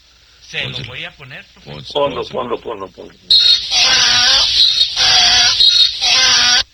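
A donkey brays loudly, starting with a few rough wheezing breaths, then breaking into a long run of harsh, grating hee-haw cycles.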